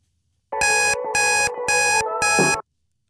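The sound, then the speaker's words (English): An alarm rings loudly in four quick, evenly spaced bursts of harsh electronic beeping, with a song's tones running steadily underneath for about two seconds. “Wee tip from me this morning, ignore the alarm.”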